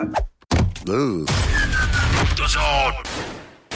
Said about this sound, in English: Dad, what's that banging noise? I think it's the boiler.